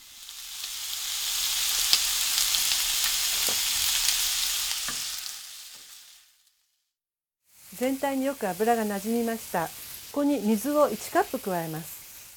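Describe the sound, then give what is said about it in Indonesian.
Chicken with carrots and green beans sizzles steadily in its own fat in a frying pan, a bright, even hiss that lasts several seconds, then cuts off; after a short silence, a person starts talking. “Kalau daging ayamnya sudah mengeluarkan lemak, masukkan wortel, kemudian buncis.”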